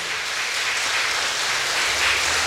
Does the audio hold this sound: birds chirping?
no